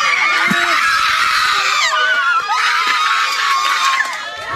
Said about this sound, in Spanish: Se convirtió en gritos de agradecimiento. Así cambió en un segundo el ambiente en el centro judicial de Aibonito.